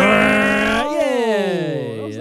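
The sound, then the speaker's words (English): A person vocally imitates an engine revving: one loud, buzzy, sustained hum lasting about two seconds that wavers, dips, then swoops upward in pitch at the end. “Give us your best rev noise”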